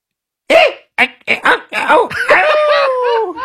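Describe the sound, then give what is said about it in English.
A person, one of a group taking turns, imitates with their voice the squeak of a squeezy toy that was just squeezed: a quick series of short, pitchy squeaks followed by a longer, wavering squeal that slowly slides downward in pitch. “we're all going to go around the room and try to imitate the sound”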